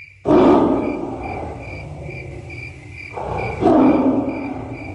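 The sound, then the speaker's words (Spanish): A tiger lets out two deep, loud roars, the second starting partway through, as it pounces on a dead ox that men set out as bait, while steady rhythmic cricket chirps pulse in the background. “El tigre se acercaba silenciosamente y luego se abalanzó sobre el buey muerto que los hombres habían puesto como cebo.”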